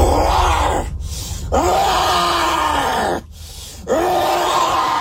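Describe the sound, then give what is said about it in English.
A man growls at police officers while they decide what to do with his motorcycle: long, low, rasping growls, three sustained throaty bursts separated by brief pauses for breath, loud and guttural with no words. “When it comes to hurling abuse and shouting profanities, he's only getting started, especially now, as he begins growling at officers while they decide what to do with his motorcycle.”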